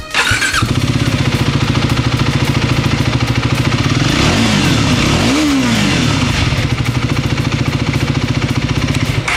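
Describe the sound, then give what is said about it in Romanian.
A motorcycle engine starts up loud, settles into a steady throaty idle, then briefly revs up and drops back before rumbling on. No one speaks. “Și dacă chiar și pentru motocicleta asta voi continua să aud din partea publicului comentariile cu care m-am obișnuit, știți voi, cum că noi motocicliștii suntem donatori de organe”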